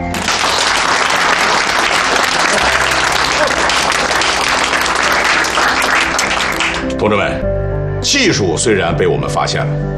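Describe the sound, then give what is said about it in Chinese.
A roomful of people claps loudly and steadily for about seven seconds, a dense wash of applause, before it cuts off and a man starts speaking. “他的最大贡献就是找到了准确着舰的方法，大家鼓掌。”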